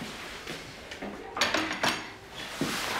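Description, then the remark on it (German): Dishes being cleared away, with several clinks and clatters of plates and cutlery knocking together at an irregular pace, plus a soft scrape or two, with no talking. “Ich komme nur das Geschirr abräumen.”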